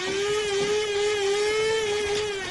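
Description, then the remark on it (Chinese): A coffee machine runs with a steady, loud motor whir, a constant mid-pitched hum layered with buzzing overtones that holds unbroken throughout, with no voices. “你这是新买的豆浆机啊？ 什么豆浆机？我这叫咖啡机。”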